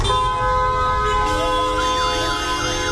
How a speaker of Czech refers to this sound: Totální chaos aut, taxíků, mikrobusů a oslých spřežení tady na křižovatce u mešity Saidi Aishi jasně vysvětluje, proč je hlukové znečištění Káhiry tak pekelné.